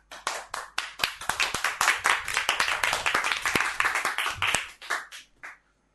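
A burst of audience applause after a poem recital: many hands clapping in quick, uneven rhythm for about five seconds, fairly loud and steady before thinning out and fading at the end, with no talking.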